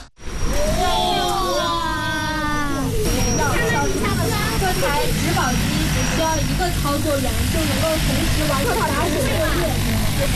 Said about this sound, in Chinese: 研学的最后一站是洛阳国家大学科技园，在园区一家创新型企业的无人机训练场上，一架大型植保无人机腾空而起，学生们仰头观看，不时发出阵阵惊呼。